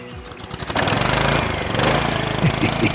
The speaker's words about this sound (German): Rasenmäher.